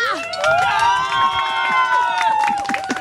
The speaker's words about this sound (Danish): Jeg hører klappen. Vi får en sidste klapsalve, og så går P4 Østjylland Gruset over til strengeinstrumenterne herovre.